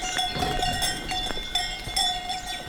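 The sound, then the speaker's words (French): Several cowbells on grazing Gascon cows clank irregularly in the valleys of the Pyrenean foothills, their metallic tones overlapping in an uneven jangle as the cows move, with faint outdoor ambience beneath and no speech. “Vous marchez accompagné par les sonnailles, des vaches gasconnes.”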